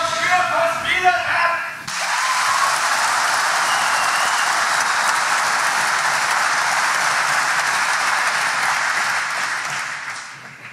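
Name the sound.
audience cheering and applause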